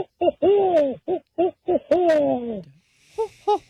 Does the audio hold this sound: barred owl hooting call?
yes